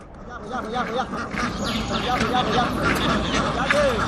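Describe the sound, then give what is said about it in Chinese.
A dense flock of herded domestic Ma ducks (麻鸭) quacks continuously, many overlapping calls forming a steady, busy chorus, with no pauses throughout. “在外漂泊的几个月里，赶鸭客们一边放牧麻鸭，一边用鸭蛋换钱。”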